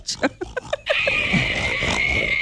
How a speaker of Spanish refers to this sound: Ahí está el cerdito negro. No sabía si era un raro. Señor borracho o era el cerdo. ¿Qué le dieron de tomar a ese pobre cerdo? Ponémelo de nuevo, a ver. Parece Barney, el de los raros.